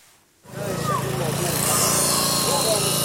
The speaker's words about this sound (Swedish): Nu står han inte räddningsarbetare som sågar sig genom järnstänger och armeringsjärn.